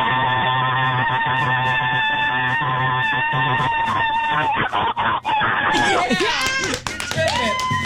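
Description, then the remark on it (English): A person lets out a long, loud, shrill screeching cry imitating a bald eagle, sustained for several seconds with wavering pitch and breaking into squawky bursts near the end. “Hey, can you scream like a bald eagle for 7 straight seconds?”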